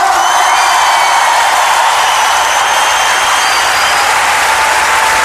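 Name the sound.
audience applause and cheering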